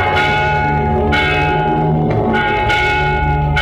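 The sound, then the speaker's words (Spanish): A church bell tolls steadily, calling the choir to Matins prayer, its rich layered overtones ringing and sustaining as each strike blends into the next, loud and resonant with no voices present. “¿Oís? Es la campana que llama a coro para el rezo de Maitines.”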